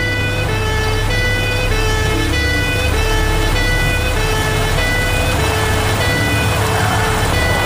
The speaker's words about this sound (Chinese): 关院总监的警车一路堵在鸣笛，你难道听不见？